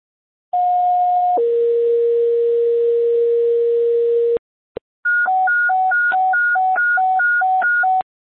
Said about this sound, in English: Police fire, stand by for tones.